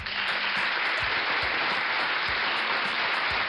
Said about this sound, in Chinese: 这个掌声是我们要送给熊妈妈的啊，因为熊妈妈她很耐心